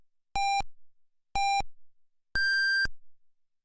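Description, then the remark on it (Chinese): Three loud electronic time-signal beeps marking 15:00 Beijing time on Harbin Radio and Television traffic radio, FM 92.5, spaced one second apart, the first two short at a lower pitch and the final one longer and higher, with silence between them. “北京时间15点整， 哈尔滨广播电视台交通广播。”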